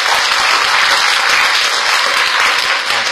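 A room full of people applauds warmly, a dense, steady wash of many hands clapping at once, loud and sustained throughout without pause or voices.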